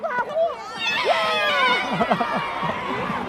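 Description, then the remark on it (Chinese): A crowd of schoolchildren cheers and shouts together after Grade 4 Class 1, wearing orange numbers, wins a class relay race, a dense, high-pitched wash of overlapping voices with rising whoops that stays loud and steady for about three seconds. “橘色，嗯，欢呼啊！”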